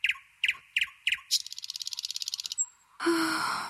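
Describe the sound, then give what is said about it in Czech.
Four quick bright chirps from a small bird, then a fast rapid trill lasting about a second, followed by a short burst of whooshing, fluttering noise. Clear, with no talking. “Ptáček si načechral peříčka a vzletěl jako šíp do okénka první zámecké věže.”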